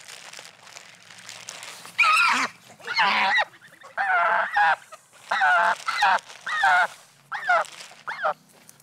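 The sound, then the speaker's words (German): A goose from a goose family lets out a series of loud, harsh honks as it is being caught to be fitted with a ring from the bird observatory (Vogelwarte), about eight agitated calls in quick irregular bursts with brief pauses between them, and no talking. “Moin, die wird gleich gefangen, kriegt einen Ring von der Vogelwarte.”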